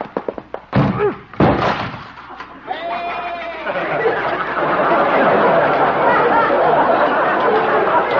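Several loud, sharp crashing thuds land in quick succession as Doc's door is smashed in, followed by a long stretch of noisy commotion with a brief animal bleat.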